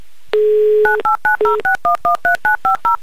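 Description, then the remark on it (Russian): A short dial tone, then a quick, evenly spaced run of about a dozen touch-tone beeps as the phone number of a participant in the Republic of Tatarstan is keyed in for the game "Avtomobil za ulybku" (A Car for a Smile), loud, with no voices. “Итак, я набираю ваш номер телефона.”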